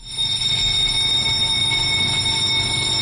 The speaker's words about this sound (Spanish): Esta es la alarma. Esta es la alarma que marca la hora a la que empieza la reunión de primera en el País, que es la reunión en la que se decide de qué temas va el periódico en la portada del día siguiente.